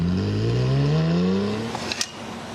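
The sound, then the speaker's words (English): A sports car engine revs up, its pitch climbing smoothly and steadily for a couple of seconds, loud, with a few sharp crackles near the end. No one speaks. “The state is home to luxury sedans and sports cars that would look at home on a racetrack.”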